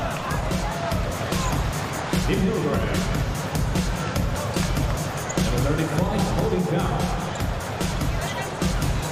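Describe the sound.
An audience applauds steadily for several seconds, a dense wash of many hands clapping at an even, fairly loud level, with a murmur of crowd voices mixed underneath.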